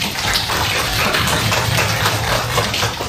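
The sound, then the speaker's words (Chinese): A classroom of children claps together, at the teacher's request, for a boy who said he would bravely fight fires, in a dense, steady burst of applause lasting a few seconds, with no voices heard over the even, hissing patter of many hands. “哎，非常好，特别好，请把掌声送给他。”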